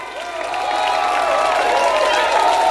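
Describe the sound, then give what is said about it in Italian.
A large crowd applauds and cheers at a live concert by an Australian trio, a dense, steady roar of clapping that stays loud throughout, with some ringing tones sustained beneath it. “Applausi, applausi, grazie.”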